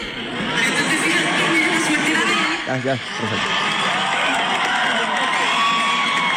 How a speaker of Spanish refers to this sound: No escucha particularmente en este video. Gritería, una gritería.